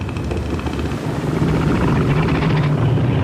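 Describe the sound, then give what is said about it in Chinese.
A male northern elephant seal, inflating its huge nose, roars to warn other males off its beach territory: a deep, loud, rapidly pulsing drone that sounds almost mechanical, like an engine throbbing, going on steadily for about three seconds with no talking. “雄性北向海豹的叫声各不相同，便于互相识别。”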